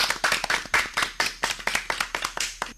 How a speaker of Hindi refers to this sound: बिल्कुल सही जवाब। तो जोरदार तालियां टीम ए के लिए।